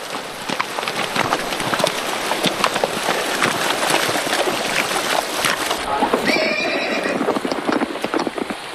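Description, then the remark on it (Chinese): Horses carrying riders of a patrol splash and clop through a shallow, narrow river with a gravel-strewn bed in the rain, hooves striking in an uneven, continuous rhythm, and near the end a horse lets out a clear, wavering whinny over the steady wash of the river. “抓紧马缰绳，防止马进马之后乱跳。”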